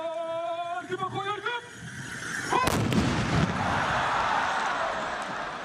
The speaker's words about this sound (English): The perfect synchronization of the horses and the rifle shots require constant concentration.